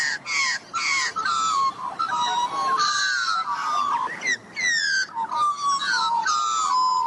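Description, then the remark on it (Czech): A voice imitates a kangaroo's call with a rapid series of harsh, raspy squawks, each sliding downward in pitch, repeated loudly for several seconds with no talking. “Pozor, pozor, kdybyste byli jako on, tak byste skvěle skákali. Maminka by vás jako miminko nosila v kapse a mluvili byste takhle.”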